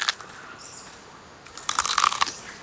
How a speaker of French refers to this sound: Les koalas mangent les feuilles d'eucalyptus.